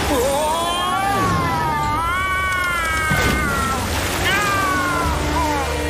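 Kittens with Mr. Humdinger meow in distress in a strong water current, a string of high, wavering, drawn-out cries overlapping one another, fairly loud above a steady rushing-water background.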